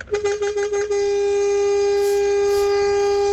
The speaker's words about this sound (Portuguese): E pra tudo que não acordou ainda, uma buzinada, né?